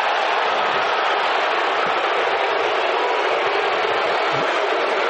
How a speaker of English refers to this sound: You can hear what the crowd thinks of as they see the replay here in the stadium.